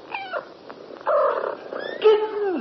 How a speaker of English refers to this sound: Kittens. 4 pretty little kittens. Dear me, it looks as though we're going to have to call you Delilah in future.